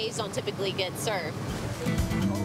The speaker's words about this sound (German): Tanker zu jagen, um auf ihrer Bugwelle zu surfen, das ist einmalig. In einer Bucht wie dieser gibt es normalerweise nun mal keine brauchbaren Wellen.